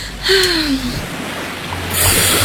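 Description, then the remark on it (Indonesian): Beach ambience with a steady wash of ocean surf and a brief descending whistling call near the start. The waves swell louder toward the end, with no one speaking. “Sejuk sekali, udara pantai yang segar.”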